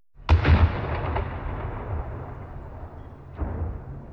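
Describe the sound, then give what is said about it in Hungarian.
A loud boom from the Gellért cannons, signalling that the ice on the Danube is starting to move, rolls out and rumbles away in a long echoing decay, followed a few seconds later by a second, softer boom. No voices are present. “A gellérti ágyúk dördülései a jég megindulását jelzik.”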